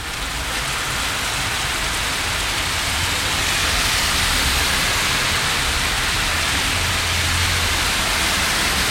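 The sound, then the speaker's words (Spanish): Heavy rain pours down in a dense, steady, loud roar, a strong pulse of falling water at 12:51, a continuous wash of water noise with no voices or breaks for the whole stretch. “Este es un pulso súper fuerte de agua.”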